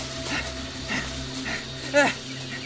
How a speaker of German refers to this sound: Nun war kein Verfolger mehr zu sehen. Paul wurde langsamer und schnaufte durch.